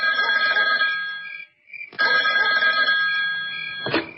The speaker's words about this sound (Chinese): 当他正在思考如何处理周浩的时候，兵团副参谋长李成一突然打来了电话。